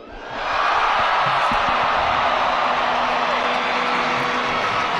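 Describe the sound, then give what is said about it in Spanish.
A large crowd of young people roars with sustained shouting and cheering for Jesus Christ, a dense wall of voices that swells up within the first second and stays loud and steady throughout. “Y hoy sus voces, su entusiasmo, sus gritos, que todos son por Jesucristo y los van a escuchar hasta el fin del mundo.”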